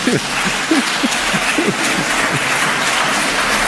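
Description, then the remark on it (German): An audience applauds itself: a steady, even patter of many hands clapping that holds at a fairly loud level throughout, with a few brief voices calling out near the start. “Macht mal euch selber einen Applaus.”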